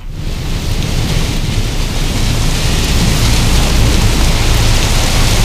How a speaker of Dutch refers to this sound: En je voelt het regen en de wind. Hij komt eraan.